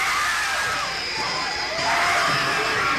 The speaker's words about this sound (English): The screams you are hearing are the actual audience reaction to a sneak preview of Apartment Complex.